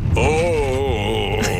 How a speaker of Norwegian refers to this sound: Du, hør på de vindusviskerne. Må vi ha nye, eller? Ja. Du hører det på lyden.